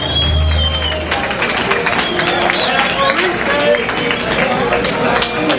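A crowd applauds steadily throughout, a dense wash of many hands clapping at once, with cheers and whistles rising over it and a low rumble beneath.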